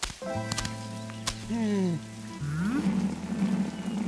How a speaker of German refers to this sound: Ja, ich schau mal schnell nach der Regentonne. So wie das heute regnet, läuft sie bestimmt über.